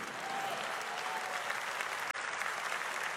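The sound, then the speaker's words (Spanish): Steady audience applause fills the whole stretch, a dense, even wash of many hands clapping with no voices standing out, broken only by one brief dip near the end. “No, este aplauso, ese aplauso no.”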